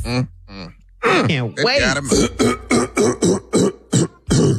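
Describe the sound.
A voice makes a drawn-out, groaning throat clearing, followed by a quick run of about nine short, evenly spaced rasping bursts, fairly loud.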